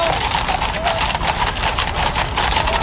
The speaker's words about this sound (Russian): Бега не надо путать со скачками. Отличие в аллюре, или, если проще, в походке лошади. Рысью бегают именно рысаки.